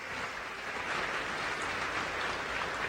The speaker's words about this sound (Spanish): aquí está Zoé Robledo, director del IMSS, muy buen director del IMSS, un aplauso para Zoé.